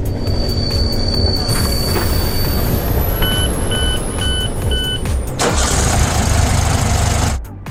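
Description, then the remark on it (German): A train rolls along steadily, with loud continuous rumbling and high metallic wheel squeal, a short series of regular warning beeps partway through, and a sudden whoosh of rushing noise near the end. “Ihr hört jetzt wieder eine Zugfahrt und zum Schluss ein Geräusch.”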